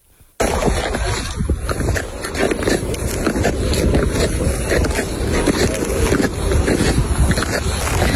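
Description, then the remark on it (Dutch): Ice skates scrape and glide over natural ice in a steady, dense rush of noise. Repeated short scratchy strokes sit over a constant low rumble that starts suddenly and continues without voices. “Ja, dit is natuurijs, denk ik.”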